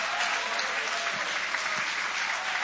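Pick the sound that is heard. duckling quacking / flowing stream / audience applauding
audience applauding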